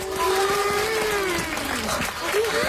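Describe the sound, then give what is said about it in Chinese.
Students clap steadily and loudly for a few seconds, a dense wash of many hands, with a sustained melodic tone running through it, welcoming an engineer from the canal construction headquarters. “今天呢，我们专门请到运河建设指挥部的工程师叔叔来给大家讲一讲运河背后的故事，大家掌声欢迎。”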